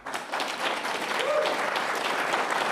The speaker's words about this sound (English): just in terms of the choreography of the event, who's actually doing the applauding there? Because I'm guessing that's not Westminster journalists doing that.